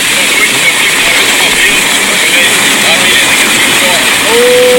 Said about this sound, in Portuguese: Olha o barulhão do Rio Corda. O barco no Rio Corda.